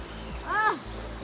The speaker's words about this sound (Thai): โอ้ตอนนี้นะคะเราลงมาอยู่ที่กลางแม่น้ำหน้าแล้วนะคะของบ้านห้วยผ้าแล้วก็น้ำใสมากแล้วก็เย็นมากด้วยนะคะ